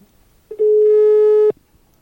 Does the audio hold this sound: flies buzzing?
no